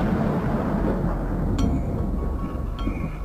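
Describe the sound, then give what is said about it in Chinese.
Deep, continuous rumbling thunder rolls through a stormy background, loud and sustained, with a couple of brief sharp crackles breaking through partway along. A thunderstorm at the launch of the Asia-1 (亚洲一号) satellite rocket, planned for 19:30 on April 7, still showing no sign of stopping at 20:00. “原本计划4月7日19:30要发射的亚洲一号，到了20点，雷雨一直没有停止的迹象。”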